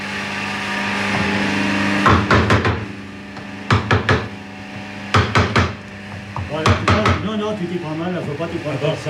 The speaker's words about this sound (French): D'abord, faut tenir ton outil comme ça, voilà, et avec ton marteau, bien en face le morceau de bois, voilà. Tu pars comme ça. Ah oui, oui. Et t'as bien, il vient d'aplomb. Encore. C'est parfait. Voilà. Un peu plus fort, là.